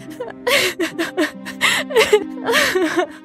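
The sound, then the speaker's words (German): A girl sobs in short, shaky bursts, breathy gasps and whimpering cries tumbling over one another, fairly loud and with no speech. “In diesem Moment begann die Prinzessin zu weinen.”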